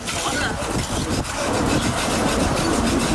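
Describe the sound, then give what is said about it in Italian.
Gritty, continuous scraping of metal spatulas against tar-coated tram rails as dozens of residents of Leipzig, Germany, clear tar from the tram network's tracks during extreme heat, several strokes overlapping in an uneven rasping rhythm over a low rumbling hum. “Decine di residenti della città di Lipsia cercano di liberare i binari della rete tranviaria dal catrame.”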